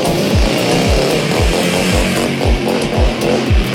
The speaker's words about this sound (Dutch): Voor het experiment lieten ze deze vrouw op een grote motor langs die camera scheuren.